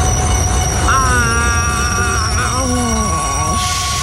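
A train brakes loudly, its wheels letting out high, wavering metallic squeals over a steady, heavy rumble for several seconds, with the shrieking tones sliding and fading toward the end.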